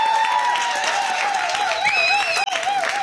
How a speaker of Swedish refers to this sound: En stor applåd för finalist 1